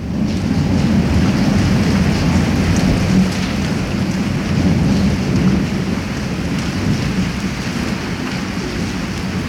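A steady thunderstorm with continuous rain hiss and deep, rolling thunder rumbling underneath, sustained and fairly loud throughout with no voices, as it grows dark and a strong wind blows.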